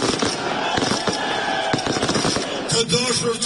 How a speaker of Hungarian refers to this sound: Albin Kurti pártja a választások éjszakáján ennek ellenére tűzijátékkal ünnepelte a győzelmet.